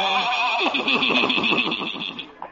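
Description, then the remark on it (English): A horse hitched to a buggy whinnies in one long, shaky, quavering call lasting a couple of seconds, loud, then trails off at the end, with no one talking. “Old Doc Yak Yak and his horse and buggy.”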